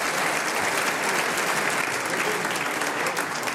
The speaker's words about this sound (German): Das ist ein Applaus